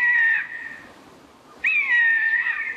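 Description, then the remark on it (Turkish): Two drawn-out, mewing bird calls from a Eurasian jay, recorded in Antalya, Turkey: a short one followed after a pause by a longer, steadier one, clear over a faint background hiss. “Alakargayı Leona Mukai Antalya'da.”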